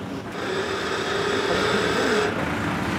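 A heavy truck engine idles and runs steadily, a continuous low rumble with a broad mechanical hum that holds at an even level throughout, with no voices.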